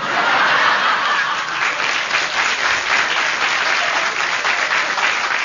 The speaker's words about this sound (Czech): Máte potlesk, uchloňte se.